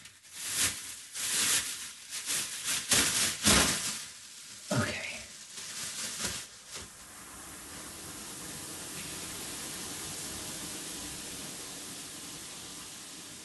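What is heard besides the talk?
shower water running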